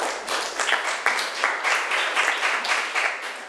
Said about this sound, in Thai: นักเรียนค่ะปรบมือให้เพื่อนหน่อย